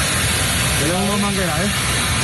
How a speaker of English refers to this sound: Crews fire streams of water at fires near Madrid as the military has stepped up to help combat the fires. Several wildfires are burning out of control near the capital.